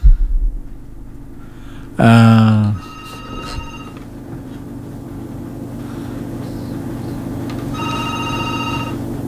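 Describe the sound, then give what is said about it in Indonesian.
A telephone rings for an incoming call from the next caller to a radio call-in program: one loud, brief ring burst, then fainter repeated electronic ring tones later, over a steady low background hum. “Oke, saya angkat penelpon berikutnya.”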